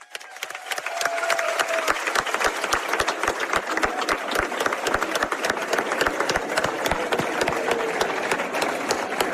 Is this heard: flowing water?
no